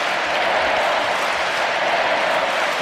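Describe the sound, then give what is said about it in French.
A huge crowd at the Stade de France roars and applauds the Pope, chanting his name, in a dense, unbroken wash of noise, loud and steady throughout, with no distinct voices or clear chant rhythm standing out. “La foule du Stade de France qui scande le nom du Saint-Père.”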